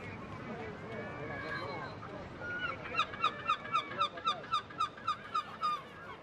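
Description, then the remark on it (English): Seagulls at the harbour of Essaouira, a Moroccan port on the Atlantic, call in a quick, regular series of about ten loud, harsh squawks as they feast near the quays and ramparts. The calls rise over a noisy background of murmur and bustle. “On the quays and the ramparts, oyster shuckers await clients, while the gulls feast nearby.”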